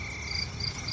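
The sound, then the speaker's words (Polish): Steady, continuous cricket chirping fills a quiet nighttime ambience, a high sustained trill with faint pulsing, soft and even throughout with no voices. “Czyli cicha noc, to co miałeś chyba ustawione.”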